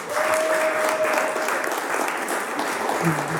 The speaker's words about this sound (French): Nous sommes en direct de Tourcoing. Le public commence petitement à arriver. Moi, je propose au public qui est ici d'applaudir